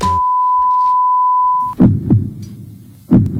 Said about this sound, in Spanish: Pitido, corazón.